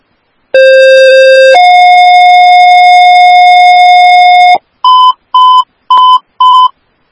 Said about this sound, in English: One Brave, 4850 your tones for the ALS chest pain, level 1, 8423, yearling drive, time is 1042.